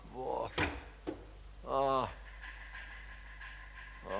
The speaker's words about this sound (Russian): Ой, ветер поднялся, я закрою окно.